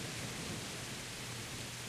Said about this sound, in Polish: Mam tu siedzieć w deszczu?